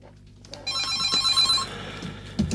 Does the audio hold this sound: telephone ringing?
yes